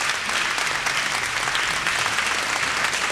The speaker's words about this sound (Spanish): El aplauso es para esta agrupación